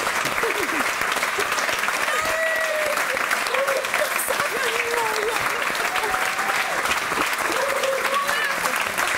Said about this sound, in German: Applaus und Überraschung.